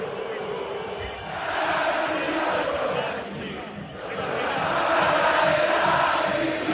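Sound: football stadium crowd chanting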